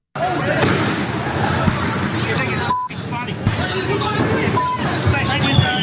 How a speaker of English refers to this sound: Backyard cracker nights have been disappearing across Australia 40 years ago, except for holdouts like the Northern Territory. For one night every year there, fireworks are legal and all hell breaks loose, as the ABC's Nick Grimm reports.